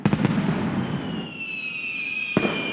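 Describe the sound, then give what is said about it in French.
Fireworks and firecrackers going off in quick bursts in the sky over Washington, part of a record 850,000 firecrackers fired in 40 minutes, with a sharp crackling volley at the start, a long whistling whine rising above the rumble, then another crack near the end. “850 000 pétards tirés en 40 minutes dans le ciel de Washington”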